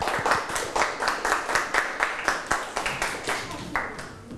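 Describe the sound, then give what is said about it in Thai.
A group of schoolchildren in a class clap together for a classmate called up to present for group 1, in a steady, fairly quick rhythm, the claps moderately loud, continuing evenly for several seconds without any talking over them. “เชิญเลยครับขอเด็กๆปรบมือให้เพื่อนด้วยนะครับ”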